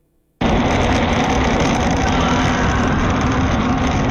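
A motorcycle engine, recorded on video as a rider travels past a bridge and an accident site, bursts in after a brief hush and holds a loud, steady roar with a rough low rumble, staying at an even level throughout with no voices.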